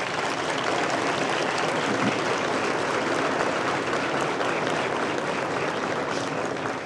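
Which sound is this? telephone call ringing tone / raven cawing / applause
applause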